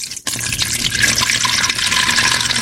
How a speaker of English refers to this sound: But this is nice because it's actually a bag. So just pour it. It's washable. Just pour it in.